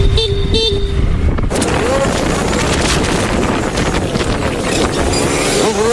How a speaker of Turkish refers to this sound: Korna çalıp tepki göstererek aracın önünü kestiler.